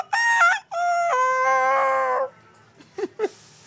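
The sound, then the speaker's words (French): A person imitates a rooster crowing, one loud cock-a-doodle-doo held for about two seconds, followed by a couple of short, quieter vocal sounds. “si j'ai pu maîtriser ces sons, c'est parce que ces sons-là me sont familiers. J'ai pu les répéter plusieurs fois pour arriver à produire le son exact. Même le coq, ça, c'est qu'une phase.”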